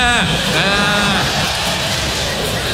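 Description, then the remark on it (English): A person does a loud, wavering goat-like bleat, a quavering 'maaa' lasting about a second, followed by a dense wash of background noise. “They come at you like goats in a petting zoo.”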